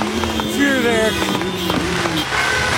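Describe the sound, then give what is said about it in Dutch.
Motorcycle engines rev loudly and repeatedly, pitch rising and falling in a busy street din in Amsterdam-West as people pour onto the street after a match, with sharp pops and crackles and crowd voices mixed into the constant noise. “Zoveel herrie kan je met je motor maken.”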